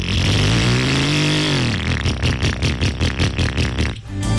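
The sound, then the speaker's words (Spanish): A motorcycle engine revs up loudly, its pitch rising and then settling into a rapid pulsing throb, with no one speaking. “Y que hora de cambiar esa moto.”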